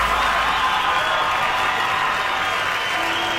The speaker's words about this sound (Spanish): gracias, muy amables, por los aplausos a toda la gente que se va esta tarde.